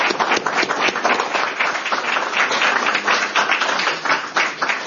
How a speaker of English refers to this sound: Well, thank you, Tim, and join me in a round of applause for Tim Gagel.